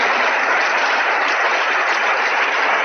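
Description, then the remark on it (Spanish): Sustained applause in the Senate chamber for the president of the Autonomous City at a gold medal ceremony, a dense, steady patter of many hands clapping at an even loudness throughout, with no voices standing out above it. “Y continuaban los aplausos, ¿eh?”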